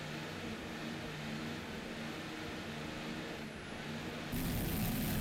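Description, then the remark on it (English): The diesel engines of Team Taboo's P3-class Fountain powerboat with Arneson drives run in a steady, dense drone with a hum from the turbos during a race at Deerfield Beach, the roar holding even before swelling louder and brighter near the end. No one speaks. “You can hear the turbos hum on the diesels.”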